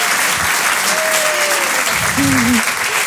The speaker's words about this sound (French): Applaudissez très vite, très fort.